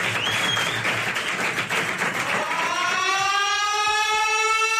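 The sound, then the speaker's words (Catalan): Loud, dense applause from an audience for Vivian Leigh fills the first few seconds, then a rising wail like an air-raid siren swells up and takes over as the clapping fades beneath it. “Fort aplaudiment per Vivian Leigh, que entra al búnquer!”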